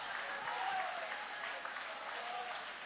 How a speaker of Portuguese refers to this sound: Vai aplaudindo o nome deste Deus.